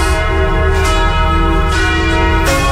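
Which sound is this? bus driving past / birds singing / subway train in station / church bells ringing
church bells ringing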